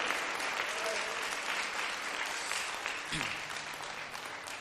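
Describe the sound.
An audience at a church service applauds the Lord steadily, a dense, sustained wash of many hands clapping at once for several seconds with faint voices mixed in.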